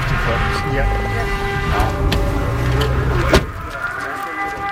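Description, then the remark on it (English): An air raid siren wails steadily at a port during a drone threat, its sustained tone sitting over a low, rumbling background, with a short sharp knock near the end. “Back at Dmytro's port, the air raid siren sounds.”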